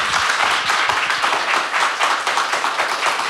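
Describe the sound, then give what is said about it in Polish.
Steady, loud applause from a crowd for Joanna Staszak, head of the Culture Department of Zakopane City Hall, a dense wash of overlapping hand claps that holds at an even level throughout without pauses or speech. “Brawa.”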